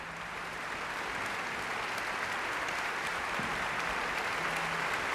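Steady, sustained applause from a concert audience in Lübeck for Paavo Järvi and the Estonian Festival Orchestra after a Beethoven overture, an extra round for the woodwinds; a dense wash of many hands clapping at an even level throughout, with no voices standing out.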